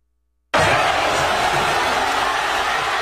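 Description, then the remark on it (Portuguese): After a moment of silence, a large crowd of Spanish football fans at a fan fest in Madrid bursts into loud, sustained shouting and cheering at the final whistle, a dense roar of many voices celebrating together. “Olha a gritaria, uma fanfest montada por ali. Esse foi no momento do apito final.”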